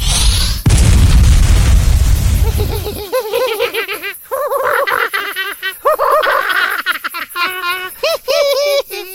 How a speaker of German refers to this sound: Reicht dir der Feuerball nicht? Du kannst noch einen haben.